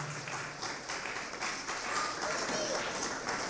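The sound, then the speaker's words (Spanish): An audience breaks into sustained applause offered to the Lord, many hands clapping in a dense, steady roar for several seconds, with a few voices calling out faintly within it. “Gloria a Dios, un aplauso poderoso al Señor.”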